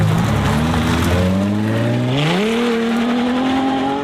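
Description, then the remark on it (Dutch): A loud Ferrari sports car engine revs up, its pitch climbing steadily through the gears in a rising, throaty roar that holds strong to the end, with no voices. “De nieuwe sportwagen heeft 4 deuren, 5 zitplaatsen en een grote kofferbak. En dit geluid maakt hij ook niet meer.”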